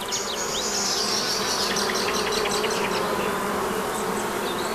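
A dense, steady drone of many honeybees buzzing around a hive, fairly loud, with a continuous hum and no pauses or voices.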